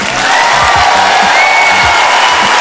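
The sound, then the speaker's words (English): A stand-up comedy audience applauds steadily and loudly for a few seconds, a dense wash of clapping mixed with scattered cheers and voices. They are clapping at comedian Finesse Mitchell's prompt for anyone with an 80-year-old family member who is still alive. “Clap if you still got somebody in your family that's 80 and they alive.”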